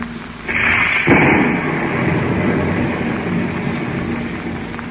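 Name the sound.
thunderstorm with heavy rain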